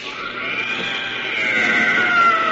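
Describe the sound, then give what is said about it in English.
An inhuman, monstrous bubbling cry of a blue, tentacled, gelatinous jungle monster shot point blank by Flash with a chemi gun wails steadily for a few seconds, a strained bleat-like howl with a high, reedy edge that swells slightly louder toward the end. No one speaks. “There's an inhuman bubbling cry, and the tentacles slowly relax their grip.”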